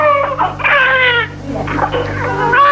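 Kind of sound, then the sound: human body sound, newborn baby's first cry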